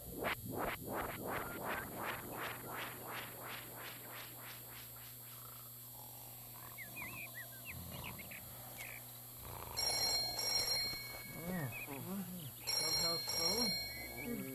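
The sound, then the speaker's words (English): An old-style telephone bell, the clubhouse phone at the Zucchini Brothers Clubhouse, rings in a fast, rattling burst for several seconds, then fades. Quieter shuffling follows, and a voice or two murmurs faintly near the end. “Clubhouse phone? Huh? Oh, clubhouse phone. I got it.”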